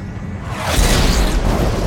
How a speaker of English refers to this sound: Vicious lightning strikes some distance away. It strikes the same tree again and again.